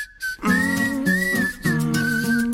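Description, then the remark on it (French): A breathy whistled tune, seemingly through the nose or on an inhale, with a few sustained wavering notes and brief breaks between them, heard alone without talking. “Il sifflote par le nez, on dirait, ou alors en aspirant.”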